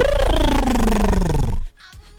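A voice imitates a goose call: one loud, raspy honk that slides steadily downward in pitch for about a second and a half, then cuts off into near silence.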